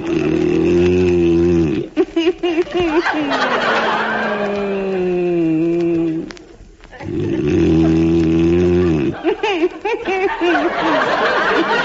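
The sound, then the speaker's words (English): A husband's loud, drawn-out snoring with a deep, groaning, almost moo-like tone, coming in long rasping breaths broken by brief pauses, with no talking over it. “I know I'm whistling. It's the only way I can stop you from snoring.”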